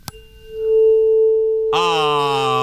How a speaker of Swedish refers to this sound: Ah. Med tonen A.